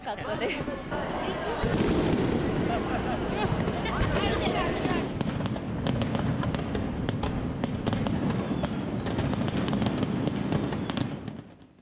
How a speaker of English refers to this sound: 20,000 rounds of fireworks. Spectators responded with cheers, with many taking photos with their phones. I've never seen such unique fireworks before. The fireworks were as impressive as the huge crowds.